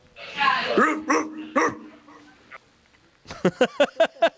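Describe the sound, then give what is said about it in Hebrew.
A voice imitates a dog barking, one of several barks entered in a contest for a gift: a few drawn-out, strained barks, a short pause, then a quick burst of about six sharp yaps in a row, loud. “אפרופו כלבים, הבאתי כמה נביחות, בוא רגע, אנחנו נבחר נביחה אחת ונעניק לה מתנה.”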